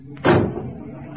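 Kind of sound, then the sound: household object, doors slamming shut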